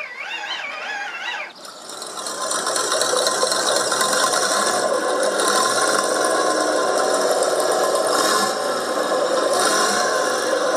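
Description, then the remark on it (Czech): A hand crank is turned on a Tatra 603 car in Příbor, producing a loud, continuous ratcheting clatter of rapid mechanical clicks that runs for about nine seconds after a brief warbling tone at the start. “Tak zase tady paní Marika Demlová zatočí klikou.”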